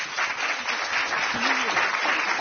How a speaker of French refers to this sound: je vous propose d'applaudir.